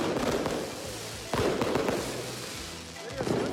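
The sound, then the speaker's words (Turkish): Fireworks pop and crackle outdoors, with one sharp loud burst standing out among several smaller bangs, over a steady murmur of a crowd talking in the background. “Havai fişekler atılıyor.”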